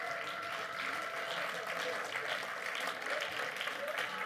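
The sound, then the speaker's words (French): A crowd at a live show applauds steadily for the team of Les Agités du Bocal, a dense, even wash of clapping that stays loud and constant for several seconds without a pause. “S'il vous plaît, on peut les applaudir bien fort.”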